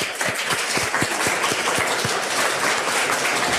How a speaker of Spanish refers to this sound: Un aplauso al alcalde también.